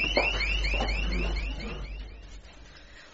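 A panic alarm rings with a rapid series of rising electronic chirps, repeating about every third of a second, then fading into a low background hum.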